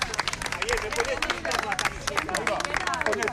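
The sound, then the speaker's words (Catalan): A crowd of fans waiting behind barriers by a hospital entrance shouts and cheers for Javier Bardem and Victoria Luengo while applauding, dense overlapping claps mixed with excited voices, continuous and fairly loud throughout the few seconds. “entre els quals Javier Bardem i Victoria Luengo, que cridats per la gent que està esperant darrere d'unes tanques aquí al costat de l'entrada de l'hospital, els han cridat, han aplaudit i ells han anat allà a fer-se unes fotos.”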